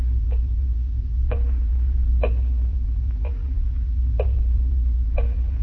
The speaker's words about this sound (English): Terrible clock. Ticking. Yeah, I know. I've been sitting here listening to it. I can't stand it anymore. I'll stop it. Why bother with it?